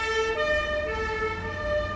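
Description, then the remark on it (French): A police van siren approaches, wailing steadily with sustained tonal pitch, loud, over a low rumble of street traffic near the Boulevard Saint-Germain. “C'est un car de police.”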